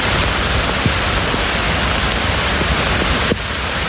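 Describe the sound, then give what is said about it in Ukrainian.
Heavy rain pours down steadily in Berlin during a summer heat wave with thunderstorms, a dense, hissing wash, loud, with occasional drops spattering on surfaces and no voices. “Рясний дощ напередодні випав у Берліні.”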